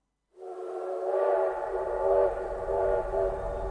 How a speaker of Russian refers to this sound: Паровоз свистнул, выпустил огромные клубы пара, показывая, что рвется в дорогу.